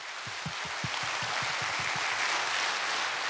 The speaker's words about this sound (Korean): 멋진 무대 꾸며주신 여러분께 다시 한번 뜨거운 박수 부탁드립니다.